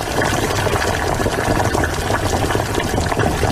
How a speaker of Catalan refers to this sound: Mira, mira, ara l'aigua ja bull. Hi poso tota la verdura i comença a fer una boníssima olor.